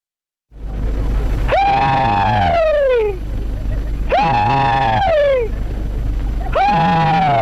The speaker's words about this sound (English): This is a Confederate soldier doing his Southern battle cry, the rebel yell. This audio was recorded in the 1930s at a Civil War memorial event. About 8 Confederate veterans are there, and all of them are at least in their 80s.